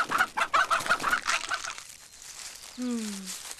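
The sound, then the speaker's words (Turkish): Chickens cluck in a quick, busy run of short bursts, then after a brief lull one drawn-out call slides downward in pitch. “Ya tavuklarımızı yerse?”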